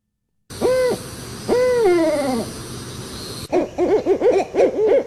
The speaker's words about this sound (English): Yeah, I do. I have the barred owl. Go for it.